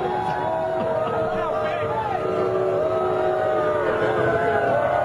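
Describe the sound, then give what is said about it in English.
A large crowd inside Madison Square Garden in New York boos Donald Trump during the national anthem, loudly and without letup, a thick, steady roar of many voices with drawn-out jeering tones rising and falling throughout. “This was him being booed inside the venue when people spotted him during the national anthem.”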